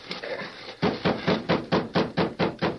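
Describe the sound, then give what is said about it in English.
A steady run of about eight firm knocks on a door, evenly spaced and fairly quick, following a brief stretch of soft rustling noise. “Open the door.”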